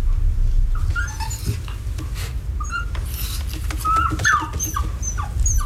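A frightened, traumatized dog whose whiskers were burned with a lighter whimpers in a run of thin, high-pitched whines and short yelps over a steady low rumble of background noise.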